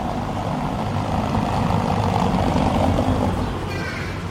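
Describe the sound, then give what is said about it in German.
A car rolls over cobblestones on a small country road near Hopfgarten, between Weimar and Erfurt in Thuringia, on the Thüringer Städtekette cycle route, its tyres making a steady, coarse rumbling drone that drops slightly in level near the end. “Hören Sie mal genau hin, wenn dieses Auto über das Kopfsteinpflaster rollt und wie es ganz plötzlich leiser wird.”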